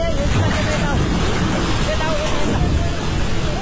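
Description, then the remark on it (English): A flash flood at the Nepal-Tibet border roars past in a steady, dense rush. A glacier collapse high in the Himalayas sent a wall of churning water, mud, ice and debris surging down through narrow valleys. It is loud throughout, with faint voices barely audible beneath the torrent. “It started high in the Himalayas when a massive section of a glacier collapsed and sent a wall of water, mud, ice and debris surging down the mountains.”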